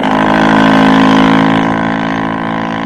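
A motor launch engine roars loudly with a steady, droning hum as an officer accelerates, then gradually fades as the launch pulls away from the ship, heading toward a second vessel.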